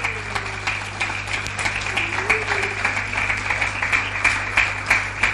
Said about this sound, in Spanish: Denle un aplauso al Señor, claro que sí.